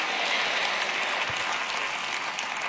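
A crowd applauds steadily, many hands clapping together in a dense, even wash of sound that holds at the same strength for a few seconds, with no voices over it.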